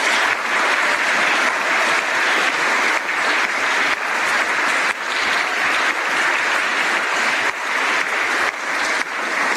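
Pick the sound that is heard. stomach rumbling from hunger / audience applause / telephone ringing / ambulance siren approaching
audience applause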